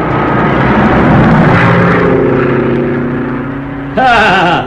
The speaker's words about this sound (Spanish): Roscoe era un experto piloto y le bastaba un espacio pequeño para aterrizar con su avioneta.